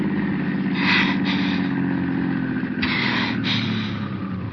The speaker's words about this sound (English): Stop it, do you hear? Okay. Okay, I'll stop the car